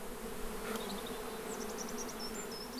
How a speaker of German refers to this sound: Bienen sind die großen Nutznießer der vielen Apfelplantagen in Norddeutschland. Die Blüten im Frühjahr gehören zu einer ihrer Hauptnahrungsquellen.